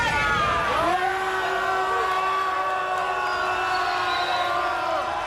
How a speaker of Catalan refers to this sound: Amb crits de vergonya, vergonya, ja ho sentiu.